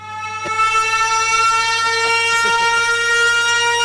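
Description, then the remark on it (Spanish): A loud alarm siren blares continuously at a steady, unwavering pitch with a harsh, buzzy tone, while a few faint knocks sound briefly underneath. “No sé si era para sirena.”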